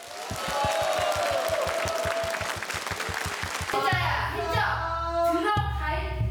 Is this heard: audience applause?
yes